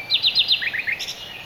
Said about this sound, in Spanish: Hay estudios que demuestran que los ruiseñores cantan a unos 90 decibelios.